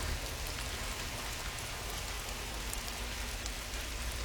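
Steady rain drums on a garage roof, a dense, even patter of drops that holds at a constant moderate loudness throughout, with no voices.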